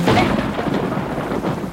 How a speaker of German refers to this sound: Es hat geregnet an dem Abend.